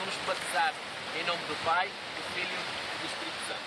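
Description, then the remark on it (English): Steady surf of the Atlantic Ocean at a beach during a church baptism on a Sunday morning, with faint voices of church members laughing and cheering, rising briefly a couple of times. “get baptized in the Atlantic Ocean.”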